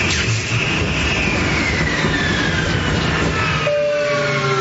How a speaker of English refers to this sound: And this is your captain speaking again. As you can see, we're experiencing engine failure. Looks like we're not going to get this bird off the ground tonight.